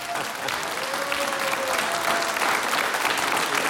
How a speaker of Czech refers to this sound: Takže to, že je teď napřímo Honza Nedvěd, je pro nás velká čest a my přejeme hodně zdraví a Studio 1 vám takhle tleská za všechny posluchače Českého rozhlasu.